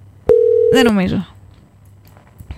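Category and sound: signal or alarm, telephone call ringing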